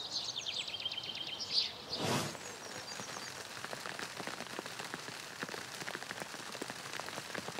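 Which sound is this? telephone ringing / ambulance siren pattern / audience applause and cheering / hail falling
hail falling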